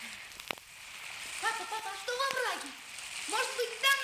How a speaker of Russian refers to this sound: Папа, ну и пусть дождик, правда? Пошли, папа, дождик.